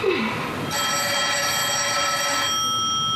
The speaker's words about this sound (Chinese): 一定是你爸来的电话，找你的。